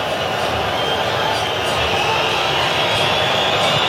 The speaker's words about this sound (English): Now you hear the whistles again. And the booing.